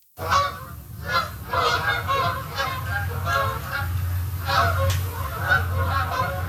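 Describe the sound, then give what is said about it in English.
A flock of Canada geese migrating south for the winter honks steadily and repeatedly, many overlapping calls layered together over a low rumbling background, loud and continuous throughout. “Canada geese making their way south for the winter.”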